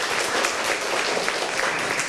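A group of students claps steadily, a dense, even wash of many hands with no break and no talking.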